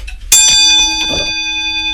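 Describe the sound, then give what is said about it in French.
A small clock chime bell made of bell metal, a bronze-like alloy, is struck once in a clock repair workshop, with a bright metallic ping whose shimmering tones ring on and slowly fade over the next two seconds. “Bonjour, on va écouter un petit, une petite cloche peut-être, parce que vous me faites signe.”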